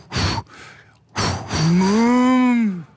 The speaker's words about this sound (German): Ah, das sind wahrscheinlich dann doch Vierbeiner, Säugetiere, es sind Kühe.